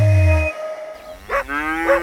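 Cows mooing in the countryside: a deep, drawn-out low moo, then after a brief pause two shorter, higher calls with a rising, nasal tone, heard alone with no talking.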